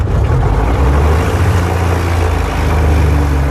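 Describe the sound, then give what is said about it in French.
A big engine that seemed flooded runs again after its 12 spark plugs were removed and cleaned over two hours; it roars steadily at full power, its deep throbbing rumble and low hum holding constant and loud throughout, with no voices. “Le moteur semble noyé.”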